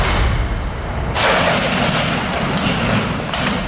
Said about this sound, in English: Well, of course, it is a car that won't start.